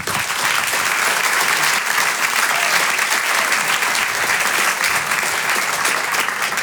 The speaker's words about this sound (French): Je vous demande un tonnerre d'applaudissements maintenant pour l'artiste qui va nous rejoindre, un stand-upper. Vous pouvez l'applaudir très très chaleureusement.